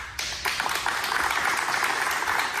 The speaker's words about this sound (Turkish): Halk TV çalışanları kararı stüdyoda alkışlarla protesto etti.